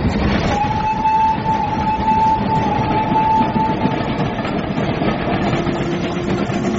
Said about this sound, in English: I say, the train's about to rush into a tunnel. Gracious, we shall get awfully steamy and smutty.